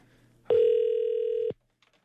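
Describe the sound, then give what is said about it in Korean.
A single steady telephone ringback tone, heard as the Far East Broadcasting radio station calls a listener on a landline, sounds for about a second, loud and clear, then stops, leaving near silence with a couple of faint clicks afterward. “자, 2010번님 다시 전화 걸고 있어요.”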